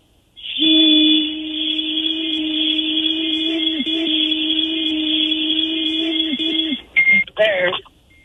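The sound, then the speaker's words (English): A breathalyzer interlock device emits a loud, steady electronic tone for about six seconds while warming up, then gives a few short, choppy beeps before falling silent. “It's still beeping. Have you passed yet? It's still warming up.”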